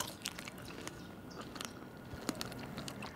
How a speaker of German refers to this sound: Moment mal, beim Kauen knackt es manchmal ein bisschen.